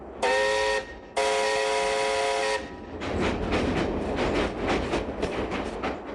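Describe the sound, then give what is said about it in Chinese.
A train's horn sounds in two loud, sustained blasts, then the steady rumble and rhythmic clatter of wheels running over the rails takes over as the train travels toward the provincial capital, with no voices. “火车越往前驶，这种感觉越强烈，仿佛火车正驶向的不是省城，而是地狱。”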